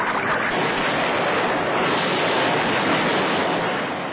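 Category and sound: nature, rough sea waves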